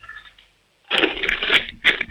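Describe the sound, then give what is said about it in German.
After a short pause, coins rattle and clatter inside a piggy bank as a seven-year-old child from Tyrol shakes it hard, in several loud, jangling bursts that rise and fall with each shake. “Dann lauf mal los, ich möchte die Sparbüchse hören. Schüttel die mal richtig.”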